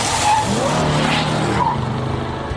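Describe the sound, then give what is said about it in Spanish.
Car tires skid and squeal loudly across the pavement over a rumbling engine, one sustained screech lasting a couple of seconds before trailing off, with no one speaking. “Podríamos avisarte antes de un accidente de auto.”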